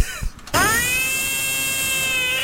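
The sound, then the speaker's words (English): A frog being held gives a loud distress scream: one long, unbroken, high-pitched cry with a shrill, whining tone that rises quickly then holds steady, following a few brief soft noises. “Was a red herring, but I'm afraid it actually was a frog being held.”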